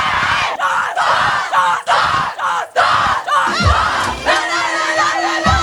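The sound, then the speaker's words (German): The Wacker girls' team cheers and chants loudly together after their cup win, in rhythmic bursts of shouting, with high excited voices overlapping and a sustained whooping cry near the end. “So, und jetzt wollen wir natürlich nur hören, wie der Jubel von den Wacker Mädels geht.”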